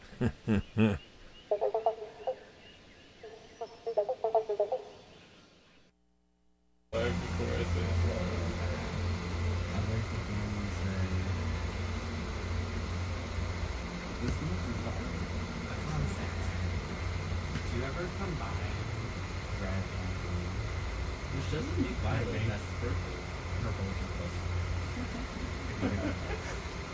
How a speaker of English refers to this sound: Oh, the Banjo Frogs. I gotta leave you with a little bit of Banjo Frogs.